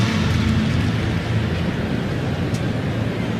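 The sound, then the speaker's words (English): Rain drums steadily on the metal roof of American Family Field, a continuous hissing wash of patter over a low, even rumble, holding a constant level with no voices. “Kind of hear the rain against the metal roof here at American Family Field.”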